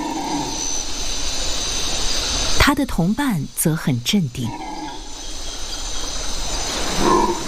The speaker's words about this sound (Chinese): 咆哮声来自另一种猴子，吼猴。他们嘶哑的叫声能传到5公里之外，还没看到吼猴的时候，就能听到他们的叫声。在清晨的雨林里，吼猴的叫声此起彼伏。这种体型较大的猴子是叫声最大的灵长类动物之一。